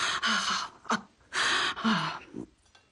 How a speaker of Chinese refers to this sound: 阿婆，你咳嗽的怎么这么厉害啊？ 哎呀，娘肚子里带来的老毛病了，不常咳。可咳起来就要了老命